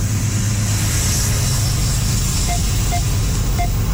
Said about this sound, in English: That's some of the sound from this CN train that you can find online as well.